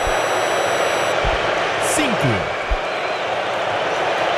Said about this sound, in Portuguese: Aí, ó. Mais vaias. Pode ter certeza que vão vaiar. Quer ver, ó? Pode subir o som, vão vaiar.